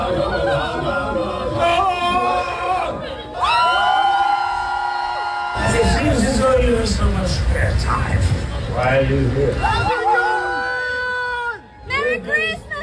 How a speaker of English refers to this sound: Johnny Depp popped up at Comic-Con yesterday in full Scrooge costume to promote his upcoming movie, Ebenezer, and the crowd went crazy.